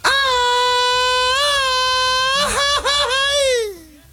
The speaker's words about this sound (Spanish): No, pero vamos a dar el grito de la independencia de México, orgullosamente mexicanos.